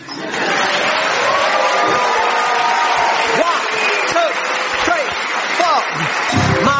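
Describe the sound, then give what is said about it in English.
An audience bursts into sustained applause for comedian Mark Watson at the show Mark Watson Makes the World Substantially Better, with scattered cheers and whoops rising above the dense clapping. It stays loud and steady for several seconds. “If you want, you can clap him.”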